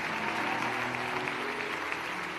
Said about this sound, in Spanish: Levante ese aplauso fuerte para bendecir al hombre de Dios. Aleluya. Levante ese aplauso fuerte a Cristo.